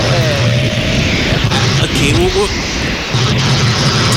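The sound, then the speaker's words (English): A loud, steady diesel rumble from a running excavator fills the whole recording, its low drone nearly drowning out a voice speaking underneath. “As I said, I'll take helicopters here. No, excavator.”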